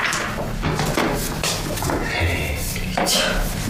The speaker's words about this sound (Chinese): 野蛮人学会敲门了，我知道是你，我绝对不会让你进。